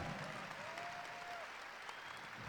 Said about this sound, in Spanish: Un aplauso.